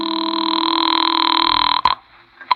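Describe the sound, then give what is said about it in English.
A steady, buzzing telephone ring holds for nearly two seconds, then cuts off with a sharp click, followed by another faint click like a receiver being handled, as a call is placed from a phone inside a house. No voices. “Well, I couldn't lose much more, so I went back into the house to use the phone.”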